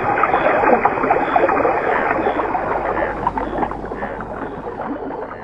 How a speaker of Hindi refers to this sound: नदी में पानी बहने लगा।